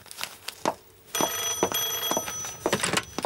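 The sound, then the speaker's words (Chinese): An old-style telephone bell rings loudly and insistently with an incoming call from a transport unit, its metallic clangs repeating in quick bursts with a sustained, shimmering ring between strikes, and no voices are heard. “是运输队打来的电话”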